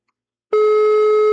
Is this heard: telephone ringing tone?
yes